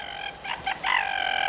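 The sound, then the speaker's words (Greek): A hen clucks loudly, a few short calls running into a longer drawn-out cackle, with no voices present. “Κούρνιασε το πουλάκι μου από τα 10 μεσημέρια.”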